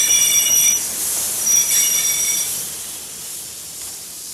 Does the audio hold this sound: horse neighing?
no